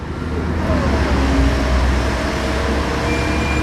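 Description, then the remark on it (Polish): Continuous city traffic roar with passing cars, a rumbling tram and buses, dense low-frequency engine and road noise at steady loudness, no voices. “Miasto. Samochody, tramwaje, autobusy, wieczny pośpiech.”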